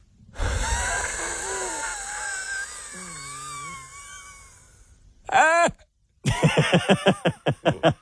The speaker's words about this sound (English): It actually, it sounds like if, like, you get winded really badly at school, and then that sound sort of comes out.